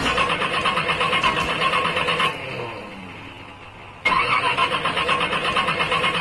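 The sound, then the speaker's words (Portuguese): A car engine cranks over and over without catching, a loud rapid chugging that stops for a couple of seconds, then starts grinding again just as hard. “Então, o Sonecão, o retífio de motores, álcool, diesel, gasolina, tá desse jeito.”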